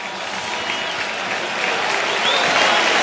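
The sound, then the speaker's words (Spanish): A large stadium crowd at a league football match in Sevilla applauds Rafinha, scorer of a hat-trick, as he is substituted by Gabriel Jesús. The clapping is a dense, steady wash that swells slightly louder toward the end, with faint whistles mixed into the roar. “Es que ahora la gente aplaude a Rafinha, autor de un hat-trick que lleva 9 goles en liga.”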